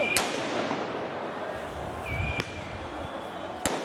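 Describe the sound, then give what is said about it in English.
Three sharp bangs of tear gas canisters fired by police at high school and university student protesters in Paris, France, spaced irregularly, one preceded by a thin whistling streak, over a dense, noisy street crowd din with voices. “Police in Paris have used tear gas and water cannon to disperse high school and university student protesters.”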